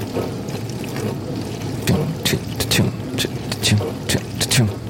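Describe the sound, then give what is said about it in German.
Inside a running dishwasher in a kitchen, the rotating spray arm sends water pattering against a metal baking tray each time it passes, in repeated sharp bursts, a steady rushing wash underneath with bright splashes recurring in a loose rhythm. “Und immer wenn der Arm an meinem Backblech vorbeikommt, prasselt das Wasser auf das Metall.”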